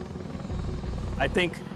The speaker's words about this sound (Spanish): Los B-22 Ospreys desplegados en Okinawa despegan como un helicóptero y vuelan como un avión. Son fundamentales para la logística del ejército estadounidense.